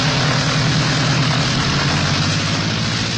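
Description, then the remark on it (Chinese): A propeller airplane engine, started up for takeoff, roars loudly and steadily, a dense droning hum with a low throbbing pulse that holds constant throughout, with no voices, as the plane lifts off over a police car trying to stop it. “杜秋开动了发动机，终于从要阻拦他的警车上面腾空飞起”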